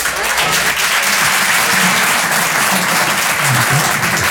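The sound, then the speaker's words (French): The parents in a comedy show audience applaud steadily and loudly for several seconds, a dense wash of clapping hands without pause, with faint voices mixed in underneath. “Est-ce qu'il y a des parents par applaudissement?”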